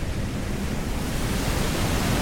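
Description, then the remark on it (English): A steady, rushing roar of ocean surf washes along the shore, fairly loud and continuous without distinct individual crashes, heavy in low rumble with a hissy wash on top. “I looked into the horizon forever, watching the waves crash over the sunset and onto the shore.”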